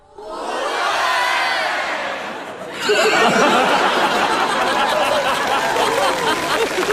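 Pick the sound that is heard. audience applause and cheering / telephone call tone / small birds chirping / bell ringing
audience applause and cheering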